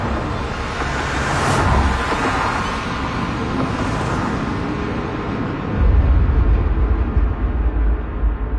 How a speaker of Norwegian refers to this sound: Lyden av biler som startet skar gjennom kveldsmørket, og en etter en gled de sorte bilene ut fra plassen og spredte seg utover byen.